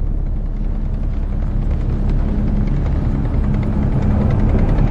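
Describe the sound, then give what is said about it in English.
A German Tiger tank rumbles and clanks as it approaches around 0800 hours in misty fog over the countryside, a heavy, continuous low-pitched engine roar with a grinding mechanical texture that swells slightly louder toward the end. No voices are heard. “At around 0800 hours, a clanking rumbling noise builds.”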